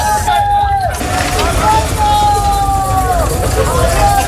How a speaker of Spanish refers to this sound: Anoche el ejército seguía trasladando en camiones a inmigrantes a la frontera del Tarajal. Mira, y se van llenos.